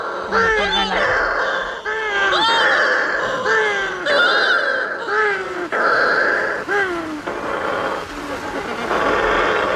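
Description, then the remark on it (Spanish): Shearwaters calling at night in a colony, coming in to their nests in total darkness after the moon has set: loud, repeated wailing cries with rising and falling pitch, several birds overlapping in a steady chorus that sounds almost like crying cats. “Cuando se pone la luna, en la oscuridad total, cuando no hay luz, para que las gaviotas no encuentren los nidos, es cuando entran las pardelas.”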